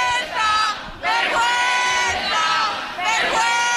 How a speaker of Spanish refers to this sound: Ahora mismo están gritando a los policías, no sé si podéis escucharlo. Perfectamente. ¡Vergüenza!